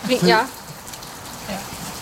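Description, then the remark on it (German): Steady rain patters in a soft, even hiss throughout, with a brief voice speaking near the start before the rainfall continues on its own. “Das ist ja ein, auf gut Deutsch gesagt, ein Scheißwetter. Ein Regenwetter.”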